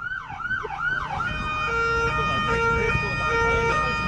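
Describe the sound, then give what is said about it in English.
A Wellington Free Ambulance siren wails loudly, its tone sweeping up and down in quick cycles before shifting into a steadier, pulsing pattern over a rumbling engine. “I'm going to take you out with an ambulance siren.”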